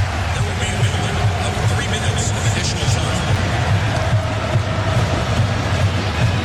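A steady roar of Japanese football fans chanting in unison at a World Cup match against the Netherlands in Dallas, dense and continuous for several seconds, with rhythmic low thumps pulsing underneath and no single voice standing out.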